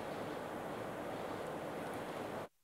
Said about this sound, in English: What you see behind me is an angry, swollen Trishuli River here in Devi Ghat in Nepal.